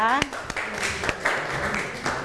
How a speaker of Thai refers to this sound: ขอเสียงปรบมือให้กับเพื่อนกลุ่มที่5อีกครั้งหนึ่งนั่นเองนะคะ